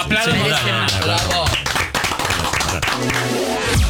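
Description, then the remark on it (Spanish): Several people in a studio clap together in a busy, steady burst of applause over a few seconds, with a voice or music blending in beneath the clapping. “Pero aplaudimos. Aplaudimos poco.”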